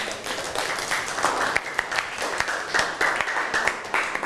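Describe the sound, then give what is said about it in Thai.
A class of students claps steadily for several seconds for a classmate, a dense, continuous patter of many hands at moderate loudness with no one speaking over it. “ยืนขึ้นเลยครับ ส่งเสริมวัฒนธรรมค่ะ ส่งเสริมวัฒนธรรมเอาปรบมือให้เพื่อนหน่อย”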